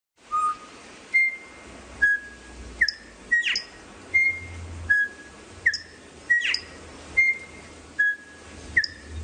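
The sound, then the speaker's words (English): A male songbird sings a clear, whistled melody of repeated pure notes and quick upward slurs, phrases pulsing steadily about once a second, fairly loud with no other sounds. “Here's an example of just musicality of a male song.”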